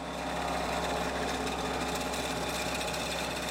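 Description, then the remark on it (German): A vibrating shaker machine on a cucumber-jarring line in Austria runs loud and steady. Washed cucumbers fall from a shaking plate into glass jars that clatter together, and the shaking spreads them out. A dense mechanical buzz and rattle sits over a low hum, with no voices. “Jetzt wird's laut, sagt Claudia Koschitz. Die Rüttelmaschine läuft.”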